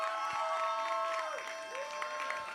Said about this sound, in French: On applaudit.